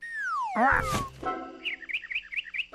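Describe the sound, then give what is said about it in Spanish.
A pet parrot named Tasio, learning to fly, chirps: a gliding whistle and a brief harsh squawk, then a quick run of five or six short, bright chirps, with no one talking. “Eso, tío, eres un loro, se supone que sabes volar, ¿no?”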